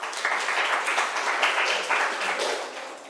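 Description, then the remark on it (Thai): A group of students in a classroom applauds a classmate together, a steady, dense patter of many hands clapping at once that stays loud and even for a few seconds. “นักเรียนค่ะปรบมือให้เพื่อนหน่อยค่ะ”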